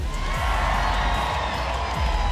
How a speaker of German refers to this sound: Schon selbstbewusst, aber ich sag fair, ich habe selten so viel Applaus bei einer Geburt gehört.